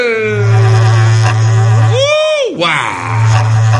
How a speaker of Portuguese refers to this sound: Repico berrante, seu moço. Deixa a saudade corcoviar. É o toque do berrante para as famílias.